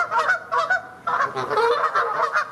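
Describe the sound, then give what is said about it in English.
A flock of geese honking loudly and continuously, overlapping calls from several birds, with a brief dip in the noise before the honking swells again. “He shows them videos of geese.”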